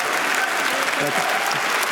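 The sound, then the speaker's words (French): Sustained audience applause at Cannes for the Polish director, in competition with Fatherland, as he takes his time to start his speech: a dense, steady wash of many hands clapping at an even, loud level for the whole stretch, with faint crowd murmur mixed in. “Et il prend son temps pour démarrer son discours, le Polonais largement applaudi.”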